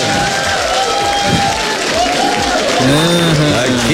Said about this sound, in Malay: Okey, apa pun kita bagi tepuk tangan dulu. Kita bagi ni.